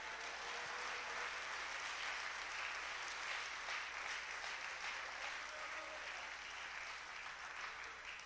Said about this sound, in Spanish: ¿Cuánto le da un aplauso a Él en esta hora?